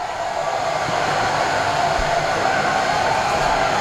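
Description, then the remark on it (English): A steady, loud hissing rush of champagne being sprayed by the Braves celebrating a winner-take-all elimination game win over the Phillies, continuous and unbroken for a few seconds with a bright, airy texture and no clear pauses or voices. “They are spraying that champagne all over the place.”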